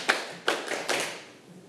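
Five quick hand claps in an irregular rhythm, done by children in class on their teacher's instruction, with reverberation fading out after the last one. The claps are moderately loud, with no talking.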